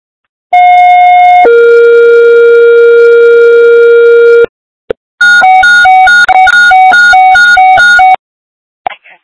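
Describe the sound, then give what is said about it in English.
Fire dispatch alert tones for East fire: a loud steady electronic tone for about a second drops to a lower held tone for three seconds, then a rapid high-low warbling tone follows. No voices. “East fire. Stand by for tones.”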